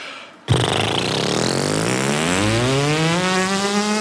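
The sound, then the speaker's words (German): A person buzzes their lips to make a tone, a practice exercise before playing through an instrument mouthpiece, in a steady, rough drone that starts abruptly and slowly rises in pitch, sounding like a revving engine. It stays loud and continuous for several seconds with no talking. “Und wenn ihr euch daran gewöhnt habt, dann könnt ihr mal versuchen, mit den Lippen einen Ton zu erzeugen. Das klingt dann ungefähr so.”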